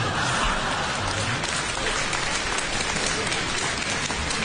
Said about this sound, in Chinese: 你看我们相声演员往台上一站，我们一唱，观众就鼓掌 欢迎啊。 其实我们心里都明白 啊， 您是对我们的鼓励。